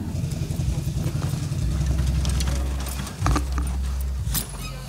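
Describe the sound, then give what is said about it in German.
A heavy truck tractor-unit (Zugmaschine) engine idles with the front opened up, a steady low rumble that deepens partway through, while scattered metallic clinks and rattles sound over it. “Dürfen wir einmal den Motor?”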